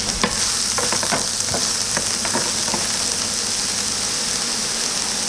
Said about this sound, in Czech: Krutí maso samozřejmě trošičku naklepeme, trošku osolíme, přidáme grilovací koření nebo popřípadě stejkové koření a můžeme dávat na pánvičku na rozpálený olej teda samozřejmě.